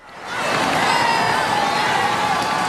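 A large crowd of faithful and onlookers on the Champs-Élysées in Paris roars and cheers euphorically as Pope Leo XIV rides down in the popemobile; some 800,000 people, a dense wash of many voices shouting, loud and sustained after a quick swell at the start.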